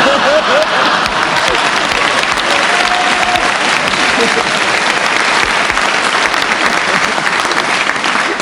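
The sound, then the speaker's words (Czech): A large audience at a televised New Year's Eve show applauds steadily and loudly for the whole stretch, a dense continuous wash of clapping with no pauses, and no clear speech over it. “To, co jste tady slyšeli, není klaka, ani radostný potlesk, to je zlomyslnost mých kolegů.”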